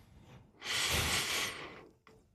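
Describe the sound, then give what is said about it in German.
A single long breath drawn in through the nose, a broad airy rush lasting about a second, followed by a brief softer breath sound at the end. “Du musst am Schluss nochmal, wenn du die Nase einschnaufen, musst du nochmal ein bisschen einschnaufen durch die Nase.”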